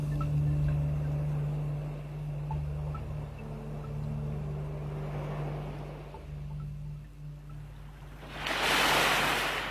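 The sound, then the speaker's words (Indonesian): Waves wash steadily onto a beach with a low, continuous rumble of surf, then a closer wave breaks loudly with a broad hissing crash near the end. No one speaks. “Suatu hari ketika Batin Lagoy sedang berjalan menyusuri pantai”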